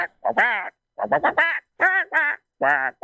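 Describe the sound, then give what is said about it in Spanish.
A person does a Donald Duck voice: raspy, nasal quacking babble in four quick bursts separated by short pauses, loud and alone with no other talking. “No califica como la mejor voz de Pato Donald.”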